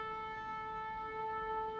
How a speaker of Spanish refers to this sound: Escucha, escucha el shofar. El shofar que tiene una fuerza para el pueblo de Israel, que tiene una fuerza para los cristianos. Es el grito de victoria.